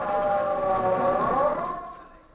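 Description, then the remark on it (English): An ambulance siren wails loudly and steadily, its pitch sweeping upward before the sound fades away over the last second. No voices are heard. “To start off with, we have a fellas who have the most dangerous job of all, the ambulance drivers.”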